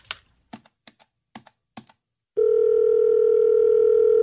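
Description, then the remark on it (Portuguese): Several sharp, irregular button clicks, like keys being pressed, then a loud, steady telephone dial tone that starts abruptly and holds unbroken to the end, as a phone call is being placed. No voices. “E eu sei para quem que eu vou ligar.”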